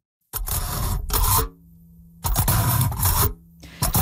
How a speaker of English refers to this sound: So that's the sound of a fork poking through aluminum foil.